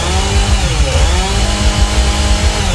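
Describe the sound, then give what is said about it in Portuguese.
A chainsaw runs loudly, its engine snarling steadily with slight rises and dips in pitch over a few seconds, no voices present. “motosserra. Assusta não, meu povo, é a turma do batidão que está chegando, hein?”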